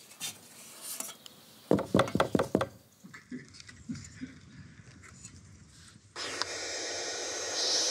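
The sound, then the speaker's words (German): A quick burst of about six sharp knocks on a wooden box, one of about 80 such boxes in the municipality of Stur, followed by soft scratching and rustling, then a steady, loud hiss from the young birds inside that continues to the end. No one speaks. “Da klopfen wir natürlich auch an, wie üblich.”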